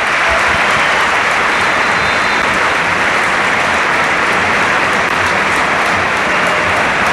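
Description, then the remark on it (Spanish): A big stadium crowd at the Bernabéu applauds steadily for about seven seconds as Oyarzabal is substituted off and takes off the captain's armband, a dense, loud wash of clapping with no pauses and no voices standing out. “Y mira, se va a marchar hoy Arzabal, sí, se quita el brazalete, escuchamos al Bernabéu.”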